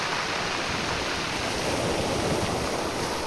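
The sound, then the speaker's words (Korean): Waves wash over the round pebbles (mongdol) of Sinmyeong beach in Ulsan in a steady, loud rush of surf, with a fine gritty rattle of stones running through it. The sound holds even throughout, and no one speaks. “파도와 몽돌이 만들어내는 소리 다채롭고 신비롭기까지 합니다.”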